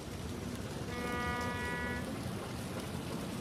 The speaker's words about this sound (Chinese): 清晨，运河上会不时响起船舶起航的汽笛声。